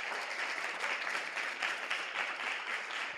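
Steady applause from an audience, a dense wash of many hands clapping at an even level for a few seconds, with no voices rising above it.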